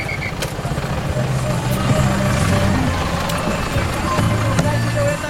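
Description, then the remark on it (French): A minibus engine, a decorated Volkswagen van used as a colectivo bus, rumbles amid steady street traffic at a busy crossroads, a continuous low drone with occasional clanks and a faint beep, while indistinct voices murmur in the background. “Les bus s'appellent des colectivos. Des fourgons Volkswagen décorés comme des roulottes, rideaux frangés aux carreaux, des vierges et les pattes de lapin sous le rétroviseur.”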